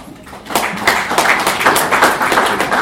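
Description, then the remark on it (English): A crowd at a celebration of 15 years of Kenya's Constitution breaks into applause for themselves after a brief quieter moment, many hands clapping in a dense, steady patter that stays fairly loud to the end, with no voices over it. “Why are you clapping for yourself?”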